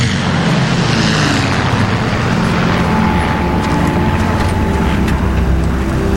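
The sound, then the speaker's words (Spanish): A steady, loud engine drone of eleven aircraft flying in, a broad rumbling roar with a faint sustained whine, holding constant throughout with no voices. “Dos no volvieron, señor. Solo llegaron 11 aviones.”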